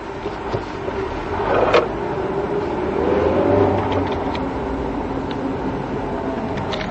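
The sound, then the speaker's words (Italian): A car engine in a video game drones continuously, rising and swelling louder twice as it accelerates over a steady low rumble, with no voices present. “Questa macchina è uno sterzo del cazzo.”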